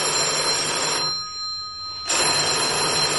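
An old-style telephone bell rings loudly, a dense metallic jangle that pauses for about a second before ringing again. No one speaks.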